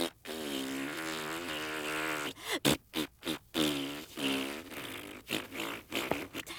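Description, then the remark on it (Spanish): A voice blows a long, buzzing raspberry as a boo, a wobbling, flapping lip trill that runs unbroken for a couple of seconds, then breaks into a series of shorter sputtering bursts. “Quiero que tú hagas un abucheo.”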